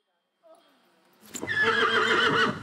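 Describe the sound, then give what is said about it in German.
A Schleswig coldblood horse whinnies loudly at a breeder's in Horsbüll, northern Germany: a long, shrill, wavering neigh that swells after a brief softer lead-in and carries through to the end. “Sie züchtet Schleswiger Kaltblüter.”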